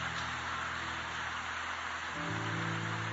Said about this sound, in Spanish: Dale aplausos al Rey. Amén.